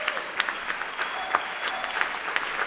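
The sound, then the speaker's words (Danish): Steady applause from an enthusiastic audience at Unitarernes Hus on Østerbro after a performance of Clara Schumann's piano trio, many hands clapping in a dense, continuous patter at moderate volume, with a few sharper claps standing out and no voices over it. “Og de spiller altså for et begejstret publikum her i Unitarernes Hus på Østerbro.”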